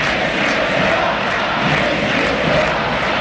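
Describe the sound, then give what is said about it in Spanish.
A large stadium crowd at a football match between Argentina and Benin chants "Messi no se va" in unison, a dense, steady roar of many voices holding a rhythmic cheer throughout, loud and continuous with no pauses. “Messi no se va, grita la gente.”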